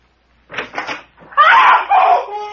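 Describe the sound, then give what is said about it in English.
A bedroom door slams shut and is locked with a couple of quick, hard bangs after a man is jerked into the room, then a loud, piercing scream rises and carries on for about a second before tapering off. “And it slammed the door right in my face and locked it.”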